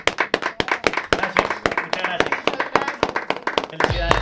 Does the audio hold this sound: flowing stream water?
no